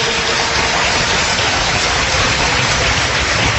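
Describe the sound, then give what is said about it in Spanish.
An audience applauds loudly and steadily, a dense wash of many hands clapping at once that holds an even level for several seconds with no voices rising above it. “Bienvenidos, un fuerte aplauso, Señor.”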